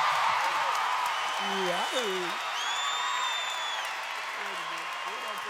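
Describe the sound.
A crowd applauds in a dense, steady wash of clapping, with scattered cheering voices rising over it and a high whistle cutting through midway before the ovation holds on.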